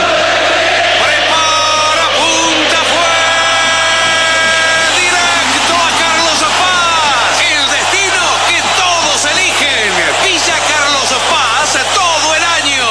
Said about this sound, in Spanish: El momento de mayor ebullición del hincha de River, que ahora en forma de 85.000 personas que gritan, festejan por ahora la clasificación a la final.